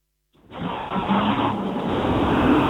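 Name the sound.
car driving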